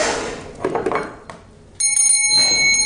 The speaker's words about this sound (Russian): Колокольчик.